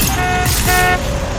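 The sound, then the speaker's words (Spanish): Loud, steady car horns blare over a dense traffic rumble, two overlapping honks with a brief shift in pitch partway through, sustained. “¿Estás atorado? Vence el tráfico con La Lupe.”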